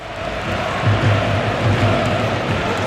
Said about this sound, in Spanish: Escucha, mira, esto es lo que está coreando, lo que está cantando en el estadio.